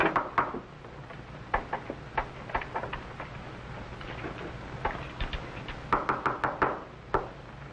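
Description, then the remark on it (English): Repeated knocking on a wooden door, irregular raps scattered across several seconds with a quick cluster of sharp knocks near the end, set against a low background hum. “Open the door.”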